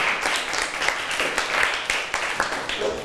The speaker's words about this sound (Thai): เก่งมากๆปรบมือให้ตัวเองอีกหนึ่งครั้งค่ะ